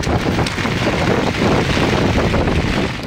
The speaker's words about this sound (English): And then in Gujarat's Vapi, we can see a series of cars that have been submerged in water after continuous rainfall. Look at this, you know, that street that's completely turned into a stream.